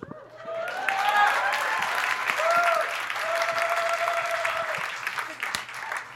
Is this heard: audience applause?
yes